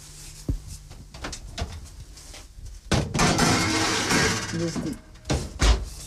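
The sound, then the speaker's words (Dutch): A few light clicks and knocks, then a longer scraping, rattling slide as a dish of apple slices with butter and cinnamon goes into an oven to bake, ending with a solid thud as the oven door shuts. “En nu zal ik de schaal in de oven steken.”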